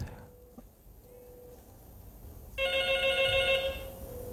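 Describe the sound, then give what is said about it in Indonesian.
A telephone rings for an incoming call from a listener joining the RRI radio broadcast, a bright electronic trill that swells loud for about a second before fading, preceded by faint tonal beeps over a low background hum. “Kita coba sapa dulu nih, ada yang bergabung dari telepon ya.”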